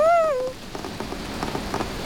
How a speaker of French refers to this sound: Toudou aime écouter le bruit de la pluie. C'est joli. Et toi, est-ce que tu trouves aussi que le son de la pluie est joli?